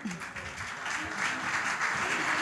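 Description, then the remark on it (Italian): Steady audience applause for a couple on stage, a dense crackle of many hands clapping at a constant loud level throughout, with no voices standing out above it. “Grazie, ancora un applauso.”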